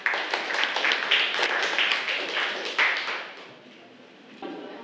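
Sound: class applauding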